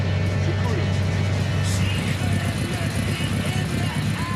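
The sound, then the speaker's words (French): A vintage Cox (Volkswagen Beetle) slowing to a halt, its steady low engine and road rumble filling the cabin, easing slightly as it settles with no pauses or sharp sounds. “On s'arrête.”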